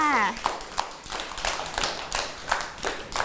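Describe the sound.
Children clapping their hands in a steady, fairly quick rhythm of a dozen or so claps, close and moderately loud, with a brief voice heard at the very start.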